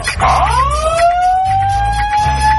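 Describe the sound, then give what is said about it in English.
A single siren wail sweeps quickly upward in pitch, then holds a loud, steady, slowly climbing tone, with a low rumbling hum pulsing beneath it. “To dry hump alarm.”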